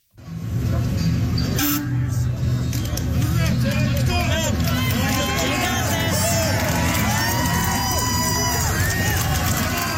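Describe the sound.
A large crowd cheers and shouts continuously for the full stretch, many voices overlapping into a loud, close, dense roar with individual yells rising above it.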